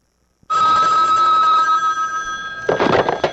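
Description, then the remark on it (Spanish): A telephone bell rings loudly and continuously with a bright metallic tone, then gives way to a burst of clattering handling noise near the end. “Caramba, hasta mi mujer se ha revuelto con este teléfono.”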